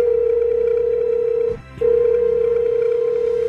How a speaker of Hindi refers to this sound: अभी वो ऐसा सोच ही रही थी कि उसकी फेवरेट संजीता मैम का फोन आ गया।